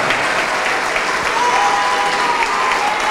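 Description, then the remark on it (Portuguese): At a church service, an audience applauds each person coming forward to pray: steady, dense applause fills the whole stretch, a continuous roar of many hands clapping at a constant loudness, with a faint whistle-like tone briefly rising above it. “Vamos aplaudir mais.”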